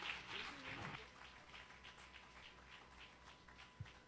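An audience claps in a steady, rhythmic beat, the sound soft and somewhat distant. A brief voice or cheer rises at the start before the clapping carries on alone.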